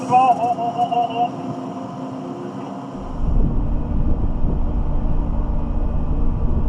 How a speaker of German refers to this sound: Ausgerechnet jetzt kommt die Fähre im Nachbarterminal an.